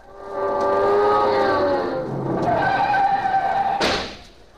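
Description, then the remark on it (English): A car tears away across a street in Hollywood with long, loud screeching tires that rise and waver for several seconds, ending in a sudden sharp burst of noise before fading out. No one speaks. “No, we got the car. Come on, we'll ride.”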